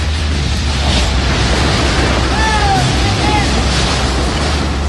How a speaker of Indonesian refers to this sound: Beginilah rekaman video amatir yang memperlihatkan kepanikan saat angin kencang menerbangkan sebuah atap di kawasan industri PT VME di Kelurahan Tanjung Sengkuang, Kecamatan Batu Ampar, Kota Batam, Kepulauan Riau, Rabu siang.